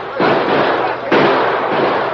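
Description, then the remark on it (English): Two loud gunshots about a second apart, each a sharp crack trailing into a long, noisy roar that fills the gaps, with no clear talking; men fire at others fleeing out a door. “All right, fellas, they're going out that door. Let them have it. Shoot them down.”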